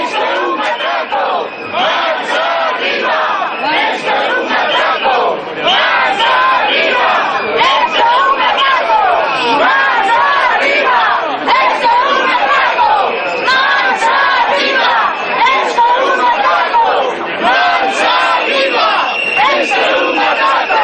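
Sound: protest crowd chanting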